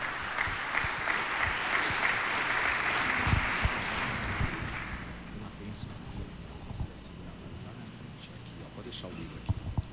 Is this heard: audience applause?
yes